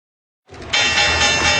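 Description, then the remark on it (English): After a moment of silence, a loud electric bell starts ringing, the Wall Street stock exchange opening bell, a steady, bright, continuous clanging that keeps going to the end. “The opening bell is brought to you by Guarding Your Nest Egg”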